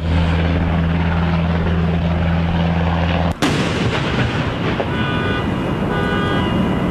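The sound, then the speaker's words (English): Loud helicopter noise fills the whole recording as several U.S. military helicopters take off and land overnight during training exercises in Southern California: a deep rotor thrum, then a sudden sharp break, after which a roaring wash continues with a high turbine whine. No one speaks. “Video from overnight shows several helicopters taking off and landing, swarms of military personnel in bulletproof vests performing drills, and even what looks like snipers on the roof.”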